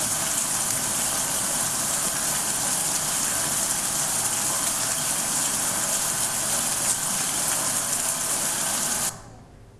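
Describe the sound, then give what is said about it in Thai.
Steady, dense rain hisses without a break for about nine seconds, a constant even wash of droplets, then cuts off abruptly into near silence. “เสียงที่เด็กๆได้ยินเด็กๆคิดว่าคือเสียงอะไรคะเสียงปริศนาที่เด็กๆได้ยินเมื่อสักครู่นี้นะคะก็คือเสียงฝนตกนั่นเอง”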